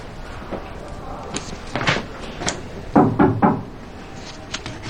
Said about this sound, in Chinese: 高材生连敲门都不会。 对不起。